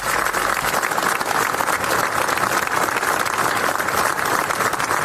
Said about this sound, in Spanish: El acto, encabezado por el presidente de la Generalitat, Salvador Illa, ha concluido con un largo aplauso en recuerdo de los chicos.